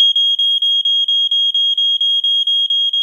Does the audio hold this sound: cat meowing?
no